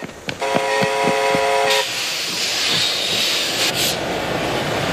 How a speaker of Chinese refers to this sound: 终于，一列由苏联开过来的火车进站了，车上装的是中国将得到的萨姆二兵器中的第一套。